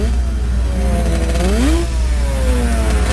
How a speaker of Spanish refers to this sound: Después de las 4 de la tarde se pierde la tranquilidad en el municipio Simón Bolívar. Motorizados con motos explotando los escapes. Algunos menores de edad con motos de alta cilindrada.